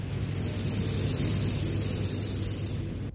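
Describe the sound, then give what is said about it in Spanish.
A grasshopper chirps in a continuous, rapid, high-pitched rasping buzz with a fast pulsing texture over a low background rumble, then cuts off shortly before the end. No one speaks. “Me iba a decir, yo pensaba que era un aspersor. Dale. Así al principio. ¿Saltamontes? Sí.”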